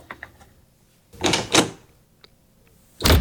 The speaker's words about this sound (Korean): 쾅 소리와 함께 방문이 닫혔다.